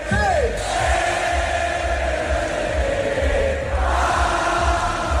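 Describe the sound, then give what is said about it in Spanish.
Thousands of Inter football fans in the Piazza del Duomo, with fireworks, roar and chant in celebration of the club's 21st Scudetto, a dense, steady wall of cheering voices with rising whoops and shouts, loud throughout with no single voice standing out. “y lo superaron tras ganar ayer al Parma para levantar el 21º Scudetto de su historia, título que han certificado 3 jornadas antes de que acabe la Liga Italiana y que celebraron miles de aficionados ayer en la Plaza del Duomo con fuegos artificiales.”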